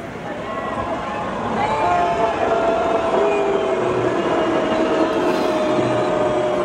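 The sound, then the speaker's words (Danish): A concert crowd roars loudly and continuously as a text on the big screen criticizes the Danish government for allowing the sale of F-35 parts to Israel; a dense wash of shouting voices swells after the first couple of seconds and stays at full intensity, with some sustained yells cutting through. “Det vi hører her, det er lyden fra publikum, da der på storskærmen kørte en tekst, hvor”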